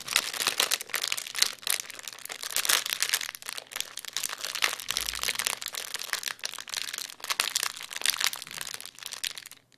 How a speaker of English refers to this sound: to please play that sound clue again for us of the fire crackling so we can see if we can have a guess at what it is you're using to create that sound.